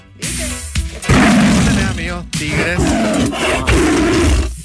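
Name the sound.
tiger roar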